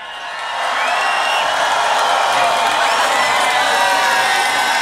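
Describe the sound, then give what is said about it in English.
A huge Tomorrowland festival crowd roars with cheers and scattered high whoops for a special guest, swelling in the first half-second into a loud, steady wall of noise that holds to the end. “So make some noise for the one and only …!”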